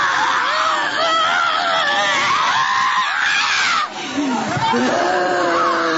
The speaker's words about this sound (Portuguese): Vai gritando para Jesus queimar ele.